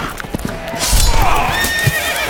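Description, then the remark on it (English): A horse whinnies loudly with a rising, wavering call while hooves clop in uneven beats underneath, with no talking, at the Sterling Renaissance Festival, where a knight has been knocked off his horse. “Fie, Sir Galliot hath been knocked off his horse.”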